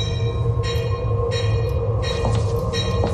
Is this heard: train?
yes